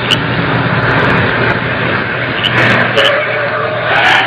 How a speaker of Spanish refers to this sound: Oigan, oigan. Ahí se paró un auto por la otra calle. Voy que lo deja por allá y se viene a pie.